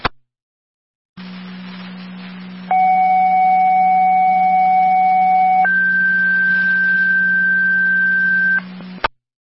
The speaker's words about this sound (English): Second round of tones for an EMT for the MVA, please.